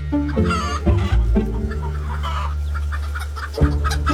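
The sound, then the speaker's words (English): Many chickens of the same age, around 20 weeks old and about to lay their first eggs, cluck and squawk together in a dense, continuous chorus in a hen house at a large egg farm in Singapore, with a steady low mechanical hum running underneath. “All the chickens in this house are the same.”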